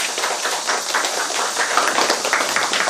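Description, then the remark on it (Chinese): Sustained audience applause welcoming a poet who won the Lu Xun Literature Prize: many hands clapping in a dense, steady crackle for about three seconds, fairly loud and even, with no voices over it. “王继斌老师，掌声有请王老师。”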